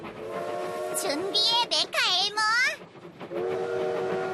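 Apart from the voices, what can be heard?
train approaching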